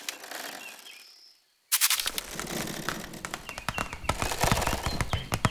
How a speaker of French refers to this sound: Ce que j'entends là est, je crois, le bruissement d'une toute petite bestiole, discrète, active, infiniment légère. Une araignée.